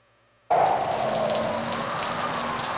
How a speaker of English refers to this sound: It's a stormy night on Interstate 80. You're driving east, and the rain is coming down heavy on the windshield.